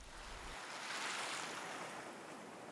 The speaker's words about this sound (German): In den Muscheln ist das Rauschen des Meeres zu hören.